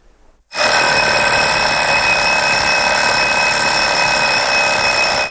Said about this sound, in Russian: Я знаю, по ком звонит будильник.